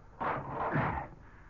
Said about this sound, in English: Now, I'll close this door. Drop this bolt.